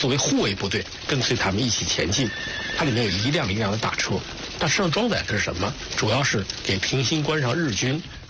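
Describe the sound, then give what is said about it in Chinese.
Horses of a Japanese army column's cavalry escort whinny and neigh repeatedly and loudly over a steady clatter of approaching hoofbeats and engine noise that continues without a break, breaking the silence of Qiaogou near Pingxingguan at 7 a.m. on 25 September. “9月25日上午7时，桥沟的寂静被一阵由远及近的引擎声与马蹄声打破。”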